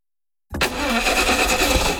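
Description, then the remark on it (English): A car engine cranks and grinds after a moment of silence as it struggles to start, a loud, rough mechanical churning that continues steadily without settling into a smooth idle. “Looks like you're having some car troubles.”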